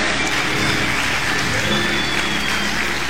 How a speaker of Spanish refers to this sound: Alguien que alabe a Dios, denle otro aplauso al Rey de la Gloria.